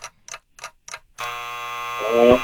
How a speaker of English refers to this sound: Oh, that darn buzzer.